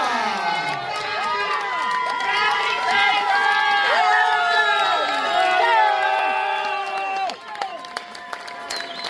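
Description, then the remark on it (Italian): A lively crowd in Trani cheers and shouts with scattered applause, many voices overlapping in a dense, excited roar that stays loud for several seconds before easing slightly near the end. “Facciamo un grande applauso”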